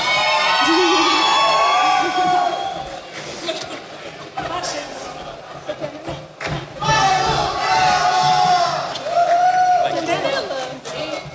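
A crowd cheers and applauds for about eleven seconds, with high-pitched shouts and whoops rising and falling over a steady wash of clapping, loud throughout with a brief dip midway.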